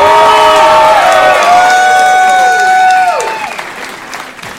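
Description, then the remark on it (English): An audience at the end of a comedy show claps and cheers loudly for comedian Tommy Jonigan, with high whoops and shouted cheers rising over steady applause for about three seconds before the noise thins and fades. “Let him hear it one more time.”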